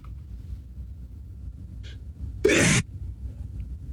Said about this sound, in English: I'm going to sneeze. God bless you, Father. Oh, my goodness.